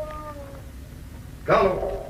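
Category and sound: animal, dog whining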